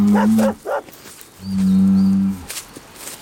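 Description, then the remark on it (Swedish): A bull lets out two deep, drawn-out moos, a short one followed by a longer, steadier bellow, with a brief rougher grunt between them and no talking. “Bakom muren står en tjur.”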